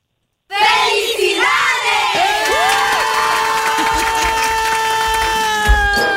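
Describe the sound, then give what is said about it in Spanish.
A loud burst of celebratory shouting and cheering erupts after a brief silence, with several voices whooping and holding long, rising and falling yells that continue without letting up. “¡Compadre, un grito ahora sí, machín, compa!”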